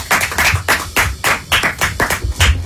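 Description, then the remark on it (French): Several people clap together in a steady, moderately loud burst of applause lasting a few seconds, with rapid overlapping hand claps and no voices. Studio audience applause on the Super Show Énergie as the third duo comes into the studio. “Applaudissements pour eux, s'il vous plaît.”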